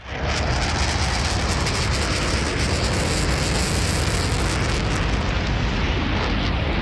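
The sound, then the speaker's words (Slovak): A flying bee's buzz, amplified to show how hypersensitive children with autism hear everyday sounds, a loud, dense, roaring drone that holds steady for about seven seconds, with no voices. “To bola letiaca včela.”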